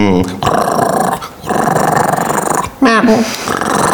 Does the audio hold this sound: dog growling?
yes